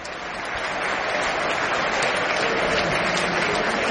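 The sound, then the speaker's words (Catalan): The Sant Andreu stadium crowd at a football match against Birmingham applauds steadily as Stansfield is substituted for Scott Wright, a dense wash of clapping that swells slightly at the start and then holds at a constant, loud level throughout, with no voices standing out. “Cosa que provoca l'aplaudiment per part del públic.”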